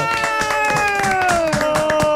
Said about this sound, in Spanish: Está hoy con nosotros, un fuerte aplauso para el señor Primo Rojas. ¡Fuerte aplauso!